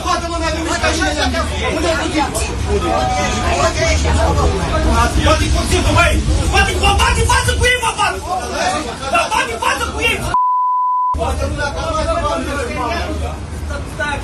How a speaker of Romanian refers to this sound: Scandal într-un autobuz din Galați plin cu călători. Conflictul a izbucnit între patru bărbați. Unul dintre aceștia i-a amenințat pe ceilalți cu un cuțit, iar altuia i s-a făcut rău.